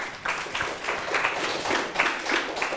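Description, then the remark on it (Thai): Classroom students clap together for a classmate who answered a ratio question, a steady patter of hands with some rhythmic surges, moderately loud, with no talking over it. “ได้ดังนี้เลยนะครับปรบมือให้เพื่อนหน่อยครับ”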